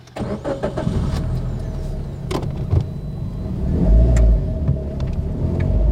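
Steady low engine rumble and road noise inside a moving car, heard from the back seat, with occasional clicks and knocks from the cabin and a brief swell of louder rumble near the end.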